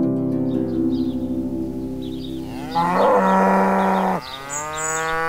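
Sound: cow mooing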